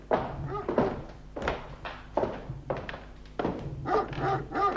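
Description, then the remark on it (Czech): A dog barks repeatedly, roughly six deep, loud barks in an uneven rhythm, with no one talking. “Doufám, že mě ten váš ďábelský pes nechá projít.”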